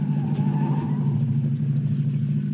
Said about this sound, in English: Two big stone lanterns. Turn the car left between them.